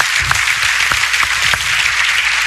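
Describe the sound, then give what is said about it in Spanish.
A church audience applauds the power of prayer, loud and steady, a dense wash of many hands clapping at once with a few sharper individual claps standing out, sustained without pause throughout. “Porque damos un fuerte aplauso a eso.”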